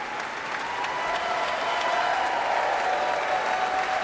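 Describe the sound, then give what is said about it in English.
Sustained applause from a large concert audience cheering the Philadelphia Orchestra's strings after a concerto, a steady wash of clapping with a faint whistle or cheer riding above it, loud and continuous throughout. “A cheer for the strings, especially featured in the concerto's second movement.”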